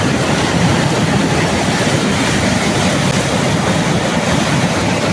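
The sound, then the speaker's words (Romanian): A loud, steady roar of rushing floodwater in Bușteni fills the scene, a dense continuous churning with no letup and no voices, powerful throughout. “O femeie a ajuns la spital după ce a fost luată de viitură.”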